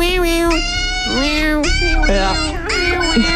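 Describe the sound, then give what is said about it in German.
A dog whines in a series of drawn-out, wavering cries that rise and fall in pitch, sounding almost like a voice calling "mama." The sound is loud, with no talking. “Es ist ein Hund.”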